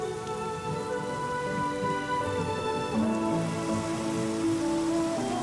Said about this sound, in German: Nur wenig Regen zwischen den Schauern. Ein typisch schottischer Wetterbericht. Im Herbst wird aus dem wenig auf Dauerregen.